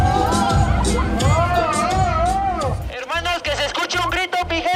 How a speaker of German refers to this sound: Doch fürs ausgezogene Shirt gibt's für den Maskenmann nur verhaltene Reaktionen aus dem Publikum.